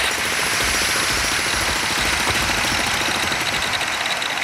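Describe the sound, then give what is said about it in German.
Loud, continuous construction noise with a rapid pounding jackhammer over a droning engine, steady throughout with no voices. “Ach ja, wieder die Baustellen.”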